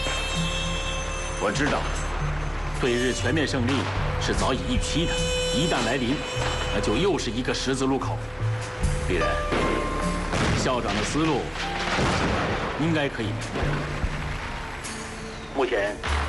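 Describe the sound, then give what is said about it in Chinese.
Dense, irregular crackling pops from a string of firecrackers going off continuously and fairly loud outside a window in Chongqing as people celebrate, with a voice talking over the bangs throughout. “这窗外全是鞭炮声，重庆人都乐疯了。”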